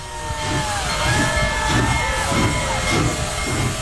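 The steam locomotive Big Boy No. 4014 chuffs in steady, rhythmic bursts of exhaust, loud, with a constant steamy hiss and faint ringing metallic tones above, as it bellows black steam and rings its bell at Greeley's 10th Street crossing.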